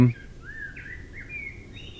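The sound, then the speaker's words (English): A common blackbird sings a flowing, warbling phrase of gliding whistled notes, moderately loud and steady over a low background hum, with no talking. “So, the common blackbird, the number one pretty bird sound.”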